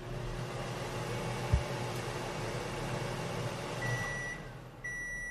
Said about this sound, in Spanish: yo tengo aquí un osciloscopio y va a oír un pito. Cuando oiga el pito, que es que ya está todo ok, ¿vale?